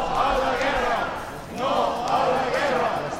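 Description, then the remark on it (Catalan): A crowd of hundreds of protesters at a Mallorca per la Pau rally in Plaça de Cort, Palma, shouts anti-war chants of "no to war" and "no to NATO" together in loud, rhythmic bursts, with a brief dip between two swelling waves of collective yelling. “A la convocatòria on es varen sentir crits de no a la guerra, com han sentit, i no a l'OTAN,”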